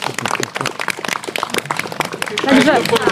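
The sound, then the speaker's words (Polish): An audience in a barn at the Salon pod Sowami cultural venue in Tykocin, Podlasie, Poland, breaks into dense, steady applause, many hands clapping at once over a few voices, with a brief vocal whoop rising above the clapping toward the end. “Bardzo wielkie brawo.”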